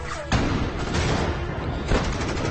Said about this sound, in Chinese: 渐渐的，枪声越来越近，身边的人越来越少